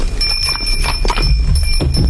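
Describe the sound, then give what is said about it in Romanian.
Horses' hooves clip-clop in a steady, unhurried rhythm as the horses are led by the reins and people walk slowly on foot beside them, with faint ringing tones like small bells hanging over the plodding steps. “Mergem și noi încet pe jos, cu cai duși de frâie.”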